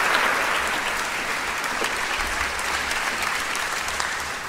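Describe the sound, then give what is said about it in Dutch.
Steady audience applause fills the whole stretch, a dense, even patter of many hands clapping at a constant, fairly loud level with no voices on top, at the opening of the MA-festival as its two directors are welcomed. “En daar zullen we vergezeld worden van een applaus.”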